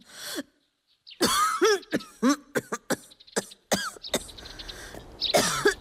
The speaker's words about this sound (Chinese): 一户农家小院，一位老婆婆躺在床上咳嗽不止。